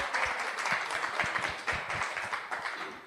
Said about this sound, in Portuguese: Salve de palmas para ela.